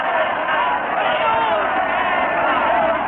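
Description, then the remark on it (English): A dense, steady roar of a crowd of deserters shouting and screaming at once in a town square, loud and unbroken for the whole stretch, with a faint scuffle of hurried running underneath. “They're shouting and screaming and running.”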